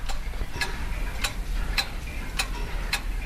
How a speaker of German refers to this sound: Das hier ist das leise Ticken aus dem Uhrmachergeschäft Zeit und Klang.